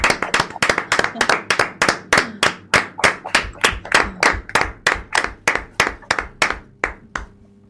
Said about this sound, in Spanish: Bueno, pues ahora vamos a pasar a hablar con las monitoras y la directora, y vamos a darles un aplauso por lo bien que lo están haciendo con vosotros, ¿no? Y para ellos también, para todos.